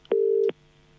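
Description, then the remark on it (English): A single steady electronic telephone ringback tone on an outgoing call to a competition winner at home in Miranda sounds for under half a second, clear and fairly loud, with no talking over it and only quiet background afterward. “Answer the phone.”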